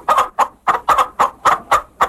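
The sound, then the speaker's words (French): A hen cackles loudly and insistently while laying an egg, a rapid series of about eight sharp, squawking clucks in a steady rhythm, with no talking. “À 10 heures, la cocotte caquetait si fort que tout le village de Qui l'eût cru l'entendait quand elle pondait son œuf.”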